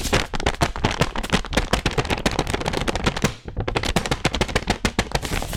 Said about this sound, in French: C'est le tour du papier fait main. Quel son on écoute si on l'étire?